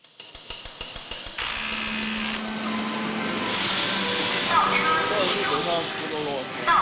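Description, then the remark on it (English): A run of sharp, evenly spaced mechanical thuds gives way to a continuous whirring, hissing din of machinery and tools in a Chinese factory, a rhythm made by both workers and robots, with a steady hum and clanking metallic sounds throughout, loud. “Chinese factories echo with a rhythm created by both man and machine.”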